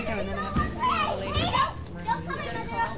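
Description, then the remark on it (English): Toddlers play and chatter at an expensive dinner event in Manhattan, their high, lively voices rising and falling in overlapping bursts of babble and squeals over a steady background murmur. “$100 a plate, and they're bringing toddlers?”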